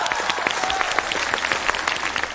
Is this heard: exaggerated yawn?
no